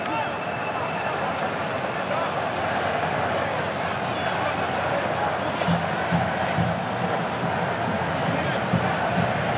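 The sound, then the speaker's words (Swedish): Spanish fans in red applaud and cheer in a stadium at a football match between Spain and Cape Verde as Spain win the first corner of the match, in a steady, dense wash of crowd noise that holds at an even level for about ten seconds, with a voice speaking over it. “Ja, här kommer första hörnan, några applåder från de röda utav portarna som är på plats.”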